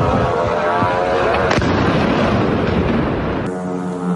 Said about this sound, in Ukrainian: Також очевидці чули до 30 вибухів, а сирену увімкнули вже після інциденту.